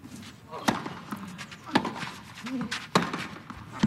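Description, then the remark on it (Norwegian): Three sharp, crisp tennis ball strikes off racket strings, spaced about a second apart in a steady rally rhythm, over faint background murmur, during a professional match between Casper Ruud and Navone. “Bare smeller i strengene til Ruud”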